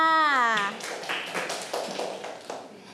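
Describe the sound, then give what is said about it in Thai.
A woman's voice speaks briefly, then a group of children in a class claps for a classmate's answer in a quick, scattered burst of hand claps that continues moderately loud through the rest of the moment. “เก่งมากค่ะปรบมือค่ะ”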